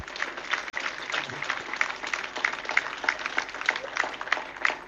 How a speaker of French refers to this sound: Et je vais essayer de vous faire vivre en direct les applaudissements et le discours. Écoutez.